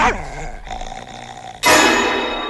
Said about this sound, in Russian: Она укусила его! Укусила его за ногу! Ты посмотри, что с ним! Ну что случилось? Что случилось? Постояльца укусила собака Фиренсайда.